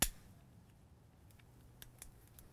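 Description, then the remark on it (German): A lighter, the third one tried, is flicked several times while trying to light a stove at the Rettenbeckalm in the Upper Bavarian mountains on a rainy day: a sharp click at the start, then a few quieter, irregular clicks against a low background rumble, with no one talking. “In der Rettenbeckalm versucht Nina immer noch, den Herd anzufeuern.”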